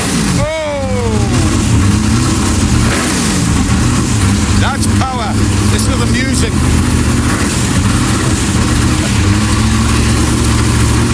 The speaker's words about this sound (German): aber der Sound von einem 65er Lola T70, davon gibt es auf der Welt nur 15 Stück. Hört euch das mal an, den stellt er mal eben vor. There's no music like this music. I'm just gonna fire this little baby up for you.